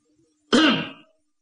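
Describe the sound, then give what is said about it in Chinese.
A single short, soft cough, like a polite throat-clearing, comes alone against silence, lasting about half a second with no talking around it; someone coughing lightly outside a tent door. “就听帐外边有脚步声音临近，紧接着在他这个帐门外有人轻轻的咳嗽了一声。”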